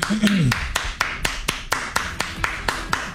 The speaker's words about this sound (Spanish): Bueno, gracias. Déjale aplauso.